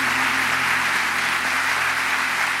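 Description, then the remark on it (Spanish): An audience claps steadily together for the Lord at an afternoon church service, a dense, even wash of applause that holds at full loudness for the whole stretch with no voices breaking through. “Fuerte ese aplauso para el Señor en esta tarde.”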